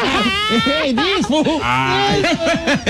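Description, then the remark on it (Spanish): A voice does a buzzing lip trill as a vocal warm-up, the lips vibrating as it slides up and down in quick pitch arches and swoops, fairly loud, with no words spoken. “Que te resuenen los labios. Sí, que tiemblen así.”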